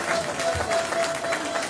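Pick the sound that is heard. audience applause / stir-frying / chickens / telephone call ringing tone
audience applause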